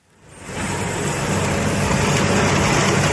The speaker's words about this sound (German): Ein Feld an der Grenze zwischen Mecklenburg-Vorpommern und Schleswig-Holstein. Landwirt Henning Aholz hat seinen Trecker mit einer Riesenhacke ausgerüstet und fährt durch das abgeschnittene Gras.